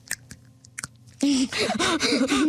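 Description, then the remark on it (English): A voice imitates someone eating crunchy chips: a few sharp, crisp clicks, then loud, sustained voiced munching and chomping noises made with the mouth. “Someone eating crunchy chips.”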